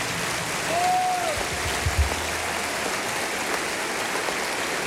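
Steady applause from an audience fills all five seconds, a dense crackle of many hands clapping at moderate volume, with a brief whistle rising over it early on.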